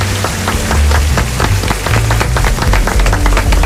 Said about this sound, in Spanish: Pues chicos, de verdad, muchísimas gracias. Un fuerte aplauso para nuestros invitados. Muchas gracias.